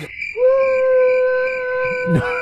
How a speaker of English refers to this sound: That's not one person who cheered. No, do you know what? In the box. Do you know what? There was one person. It was my cousin. She was front row and she was filming. My cousin you was... You could hear her. the only one cheering for me.